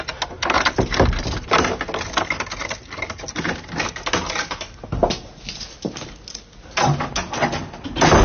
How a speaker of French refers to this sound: Ça donne drôlement envie d'aller dans le domaine de Georges Sand à Nohant, d'ouvrir les portes de la maison.